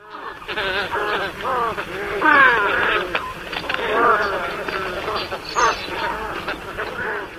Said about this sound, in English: These are white ibis. White ibis are wading birds found in coastal wetland areas, starting in the mid-Atlantic states, going south into Florida, where they are year-round residents, and all along the Gulf Coast.